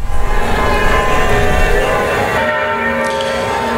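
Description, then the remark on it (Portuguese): Church bells of the Paróquia de Nossa Senhora do Carmo in Mariana ring continuously in a loud, layered peal, their sustained metallic tones overlapping and shimmering with no voices present. “Nesse momento, olha só, não sei se vai dar para ouvir de casa, o badalar dos sinos aqui da igreja que está atrás de mim, olha, a paróquia de Nossa Senhora do Carmo”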